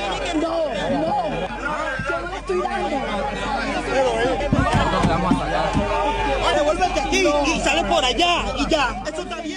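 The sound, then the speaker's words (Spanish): A crowd yells and shouts around a car as many people rush at the vehicle with a woman and her work team inside, many voices overlapping in a loud, continuous uproar of raised, agitated cries with no single voice standing out. “Vea, este es el momento exacto en donde ustedes oyen esta gritería.”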